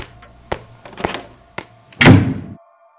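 A few quick, sharp smacks land at uneven intervals, followed by a louder, heavier slap that rings briefly before cutting off. No one speaks.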